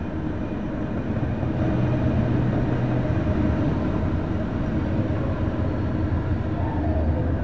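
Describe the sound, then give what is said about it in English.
A train rumbles past, a loud, steady roar of heavy wheels and machinery that holds constant throughout, with a faint low hum rising briefly near the start. “just the other side of this train.”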